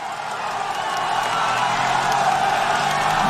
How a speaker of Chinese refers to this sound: 赛道两边热情的观众人山人海，在为参赛的选手们加油鼓劲儿。